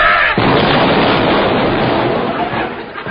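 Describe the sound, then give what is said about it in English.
A sudden, loud explosion of naval gunfire bursts in, then rolls on as a heavy, sustained roar of blast and rumble that only slowly fades. “The brass bedstead was sung by naval gunfire and Eccles went down with his mattress.”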